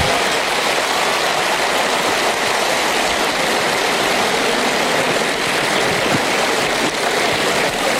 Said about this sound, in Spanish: Fuerte, fuerte el aplauso para él.